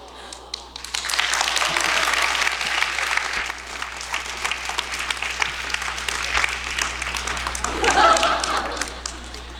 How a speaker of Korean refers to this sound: 박수가 후하시네요.